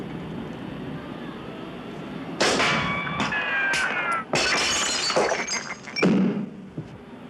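A sharp rifle crack at a shooting gallery sets off a loud clatter of shattering targets, five hit with one shot, with several bursts of crashing and tinkling debris over a few seconds, without talk.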